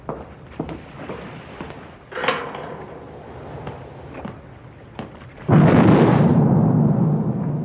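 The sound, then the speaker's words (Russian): Scattered heavy thuds and booms build to a loud, sustained roar of an on-target artillery salvo fired from a turret during live-fire practice, its rumble rolling on and filling the scene. “стреляет. Есть. Верный залп.”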